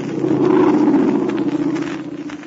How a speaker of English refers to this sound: No, Pat, that wasn't Santa Claus. No such luck. It was somebody who means no good to any of our friends. We'll hear from that plane again, even though it may not land in ruined Minshaw.